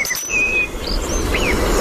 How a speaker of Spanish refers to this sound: Petirrojo europeo.